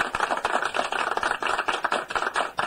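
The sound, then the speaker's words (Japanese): Steady, dense applause sound effect played from a radio studio's new sampler machine, a continuous patter of many hands clapping at an even level with no voices. “そう、こうやって拍手の音もね、やっと出るようになりました。”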